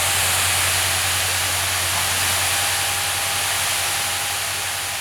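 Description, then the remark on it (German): A steady, loud hiss of water spraying from a firefighters' hose nozzle onto suspected smouldering fire spots in Saarland, Germany, continuous and unbroken for the whole stretch, with a low engine-like hum beneath it and no voices. “Schon Minuten später sprüht das erste Strahlrohr auf die vermeintlichen Brandnester.”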